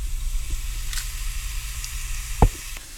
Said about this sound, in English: The ghee has started warming up. You can see small bubbles coming at the bottom, so you know the ghee is ready.